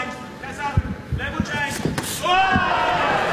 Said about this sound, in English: landing some very lovely punches here as Kassa is pushing forward